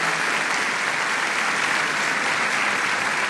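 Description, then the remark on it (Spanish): A large audience at a church service breaks into warm, sustained applause to welcome first-time visitors, a dense steady wash of many hands clapping together for several seconds with no voices over it. “¿Qué tal si los saludamos a ellos con un caluroso aplauso?”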